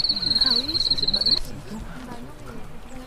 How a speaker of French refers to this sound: Allez, celui-là maintenant. Oh le cri-cri. Enfin cri-cri. Grillon. Mais ça, c'est le champêtre. C'est pas celui qu'on a vu tout à l'heure dans les bois. C'est le plus gros champêtre.